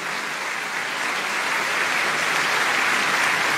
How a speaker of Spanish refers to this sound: Alguien que le dé un fuerte, fuerte aplauso al Señor.